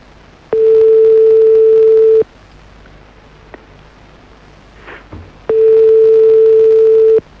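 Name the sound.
telephone ringing tone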